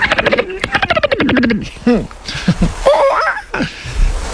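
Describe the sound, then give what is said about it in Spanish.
A person imitates a dolphin with their voice: a fast, buzzing train of clicks, then a series of high, wavering squeaks and whistles, loud. “Mira, joder, al mar y todo, te puedo hacer un delfín.”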